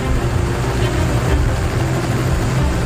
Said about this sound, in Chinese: 弗里茨和团队搭乘直升机向北进发，前往一片面积更辽阔的保护区。